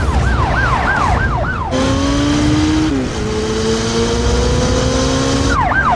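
Police cars with sirens pursue a SWAT truck: rapid rising-and-falling wails over loud, roaring traffic and engine noise, briefly giving way to a steady droning tone before the wailing returns at the end, with no talking.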